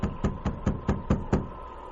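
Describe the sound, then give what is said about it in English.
Seven quick, evenly spaced knocks on the wooden door of a mission, knocked by Sergeant Preston with his revolver drawn, heavy and booming, stopping abruptly into a short silence. No voices. “The sergeant drew his revolver and then knocked.”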